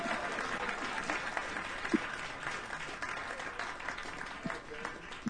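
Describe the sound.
Audience applause fills the whole stretch, a steady, dense patter of many hands clapping at a fairly even level, with a few sharper claps and faint voices standing out from the crowd, as the audience gives a hand to a performer.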